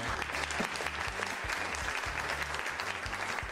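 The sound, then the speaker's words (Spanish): A burst of steady applause, dense clapping that fills the whole clip at an even, fairly loud level, with a low rhythmic musical pulse running underneath. “y fuerte el aplauso.”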